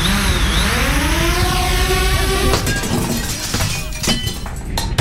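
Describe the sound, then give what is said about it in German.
A drone's buzzing whine rises and holds for a couple of seconds, then cuts into a loud crash of breaking glass as it hits a sports clubhouse window, with shards clattering and tinkling down afterward. No voices. “Zählt Sportheimfenster auch?”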